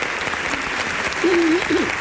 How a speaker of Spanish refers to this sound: te mandamos un beso y un aplauso desde el teatro, desde tu teatro.